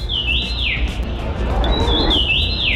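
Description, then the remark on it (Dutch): A common rosefinch sings two clear, whistled phrases of rising and falling notes, fairly loud over a steady rushing outdoor background. “De roodmus, en nou hoop ik zo dat ik het juiste loot heb, hè, want ik ben net echt een vogelspotter.”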